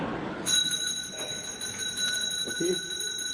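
A bell starts ringing about half a second in and keeps going in one steady, bright, continuous tone, fairly loud, with a brief voice murmuring faintly underneath near the end.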